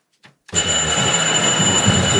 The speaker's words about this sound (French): Vous venez de l'entendre, on ne sait pas très bien si on est à l'opéra ou bien si c'est une sonnerie pour annoncer la cour.